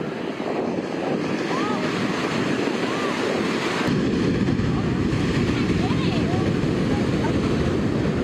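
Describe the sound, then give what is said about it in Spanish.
Strong, dangerous ocean waves crash on a beach in Santa Cruz in a steady, loud roar, mixed with gusting wind buffeting the microphone, while faint voices call out now and then as a lifeguard rescues a boy of about 10 from the surf. “Testigos intentaron ayudar varias veces, pero no pudieron hacer mucho contra el peligroso oleaje.”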